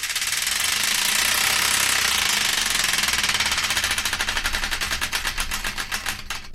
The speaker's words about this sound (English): And I'd like to play another song, but before we do, we've got to spin the Wheel of Destiny to find out which one.